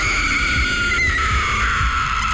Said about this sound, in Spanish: nos dimos cuenta del porqué el llanto de la llorona.